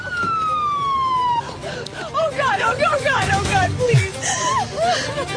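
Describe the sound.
An ambulance siren wails for a moment as the ambulance brings a patient in at Cedars-Sinai Medical Center, a single steady tone sliding downward before cutting off abruptly, followed by several people talking over one another in a busy, echoing space.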